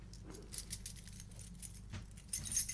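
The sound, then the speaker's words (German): Metal keys, including a key to a Dresden apartment, jingle and clink as they are held up to the microphone, in short, irregular bursts of bright, tinkling rattles, with a steady low hum in the background. “Ich habe jetzt einen Schlüssel für eine Dresdner Wohnung.”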